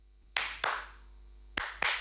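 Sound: hands clapping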